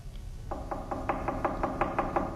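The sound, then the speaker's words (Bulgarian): A quick, steady series of about ten knocks on the door of a small, poor hut, evenly spaced and growing slightly louder, with a low background rumble and no voices. “Кой чука?”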